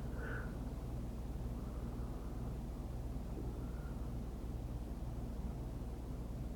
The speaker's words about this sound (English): There goes another plane, and another one, crisscrossing in the skies above my head.